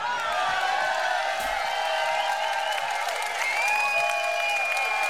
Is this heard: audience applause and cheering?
yes